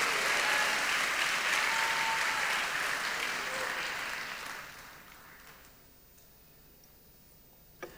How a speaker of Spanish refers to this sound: Dele palmas al Señor.